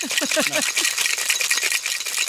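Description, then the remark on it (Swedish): A cocktail shaker full of ice and freshly squeezed lemon rattles steadily and loudly, a dense, bright clatter of rapid shakes throughout, with a voice briefly audible underneath at the start. “Du har pressat färsk och fräsch i citron och is har gått i. Det ska vi få höra nu.”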